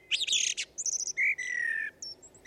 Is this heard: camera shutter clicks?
no